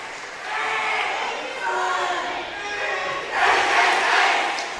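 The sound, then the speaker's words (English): A crowd of high school students cheers and shouts loudly and continuously at a high school volleyball match after an ace jump serve, swelling in bursts, with a bright surge of yelling near the end. “All the high school kids over there are just jazzed, cheering their classmates on.”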